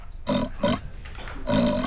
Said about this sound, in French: Mais c'est un grognement de cochon. Qu'est-ce que fait un cochon dans une bibliothèque? Un cochon, ça ne lit pas de livres.